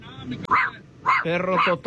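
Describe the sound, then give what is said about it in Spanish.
A dog barks and yips several times, short sharp bursts with a whiny, whimpering edge, the last few running together in a quick rhythm. “También ladran.”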